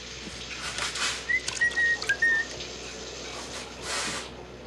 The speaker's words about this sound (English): I can't hear you over the shower, honey.